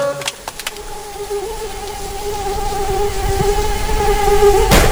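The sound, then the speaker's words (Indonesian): A mosquito whines in a thin, steady high-pitched drone that wavers slightly in pitch, growing a little louder toward the end, with a few faint clicks early on. “Gigitan nyamuk sangat menjengkelkan.”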